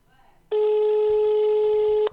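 A single steady telephone ringback tone on an outgoing call to a senator's office sounds loud for about a second and a half, then cuts off, with faint background noise before and under it.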